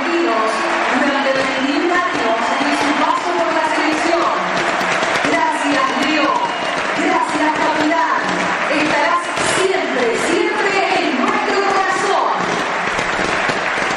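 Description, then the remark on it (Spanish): A huge stadium crowd roars and applauds continuously in a standing ovation for Messi at the 10th minute of a football match against Benin, a dense, loud wall of cheering voices and clapping that swells steadily, with scattered sharp pops of fireworks cutting through. “10 paró el partido para el aplauso de pie para Messi.”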